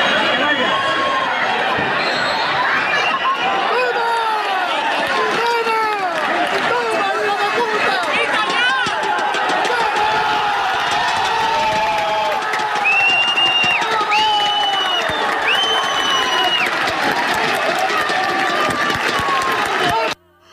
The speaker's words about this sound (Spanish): Porque así sonaban las gradas del pitido final del Calvo Sotelo 1, la Solana 0, con el que el equipo de fútbol de Puerto Llano ascendía ayer a eso de las 8 de la tarde a segunda red, tras proclamarse campeón del grupo 18 de tercera división.